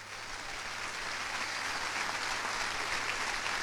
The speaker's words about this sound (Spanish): Vamos a darle un fuerte aplauso a Jesucristo.